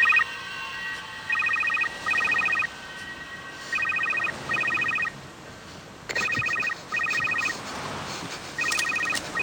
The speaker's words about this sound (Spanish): De pronto, le suena el teléfono.